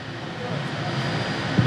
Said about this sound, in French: Le bruit de l'avion est trop fort, je crois qu'on ne peut pas entendre effectivement les mots qui sont échangés.